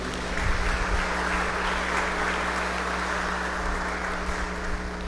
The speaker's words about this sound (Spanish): Felicidades, bendiciones, regalémosle un fuerte aplauso.